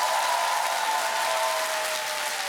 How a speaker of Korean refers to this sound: 네, 야. 다시 한번 박수 부탁드리겠습니다.